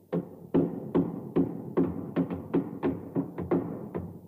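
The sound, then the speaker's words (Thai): A fist pounds a nail in until it is fully sunk, with about a dozen dull, heavy knocks in a steady, fairly quick rhythm, each blow short and solid, with no voices. “ไหนล่ะสาธิตให้ข้าดูหน่อยสิลองใช้กำปั้นของเจ้าเนี่ยตอกตะปูนี่สิ”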